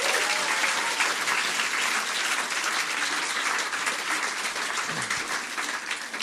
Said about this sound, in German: Erstmal Applaus für die Poetin, nicht für die Wertung.